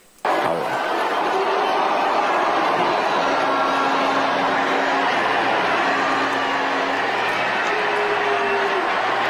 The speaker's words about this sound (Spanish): Están abuchando. La están abuchando. Es un abucheo grande, ¿eh?